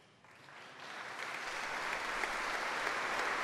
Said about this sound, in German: Nach diesen äußerst engagierten Worten des Diözesanbischofs von Pavia, den die Anwesenden mit Applaus zustimmen